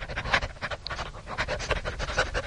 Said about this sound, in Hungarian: Szemben egy kutya vacog. A lépek, ő is lép. Ugyanúgy liheg, mint én.